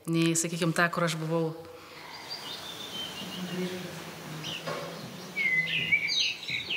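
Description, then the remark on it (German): A voice speaks briefly at the start, then an assortment of bird chirps and calls continues throughout a hotel building, scattered high tweets over a soft ambient hum. “Beinahe überall im Gebäude sind unterschiedliche Vogelstimmen präsent.”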